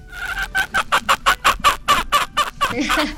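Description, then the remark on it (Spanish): A hen belonging to a friend in Argentina clucks in a quick, steady series of about a dozen short, bright calls, fairly loud, with no talking over them. “Esa es la gallina de la amiga de Argentina.”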